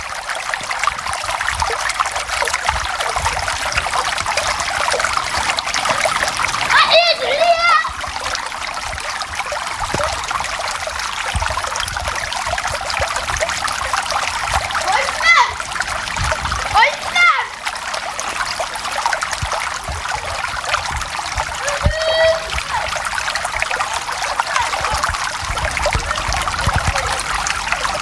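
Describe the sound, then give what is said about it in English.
Steady water gathers, pours and splashes onto the ground in dull, brown, tiled rooms in a continuous rush, with a few brief higher-pitched chirps or voices cutting through now and then. “Water gathers, pours and splashes upon the ground.”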